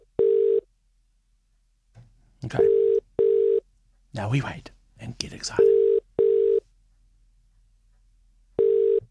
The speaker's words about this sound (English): Here we go. The number's ringing. That's good.